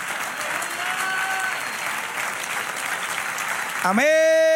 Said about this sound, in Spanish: Un aplauso.